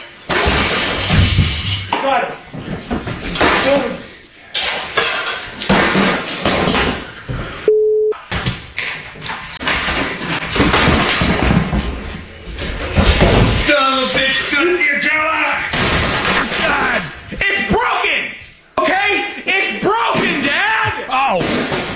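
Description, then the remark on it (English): Repeated loud crashing and shattering impacts as a father smashes a TV with a sledgehammer and then bashes it with a coffee table after a Carolina Panthers loss, with a brief electronic beep and agitated voices talking and shouting over the destruction. “He smashed it. He uses a sledgehammer. Then he takes the coffee table, bashes the TV with a coffee table.”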